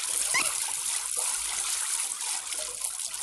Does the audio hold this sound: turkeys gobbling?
no